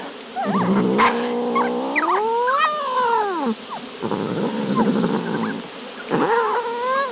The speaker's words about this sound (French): Ce chat semble en colère.